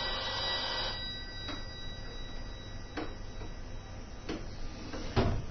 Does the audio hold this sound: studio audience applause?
no